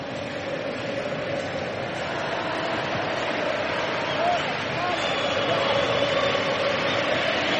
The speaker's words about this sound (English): Crowd getting into it.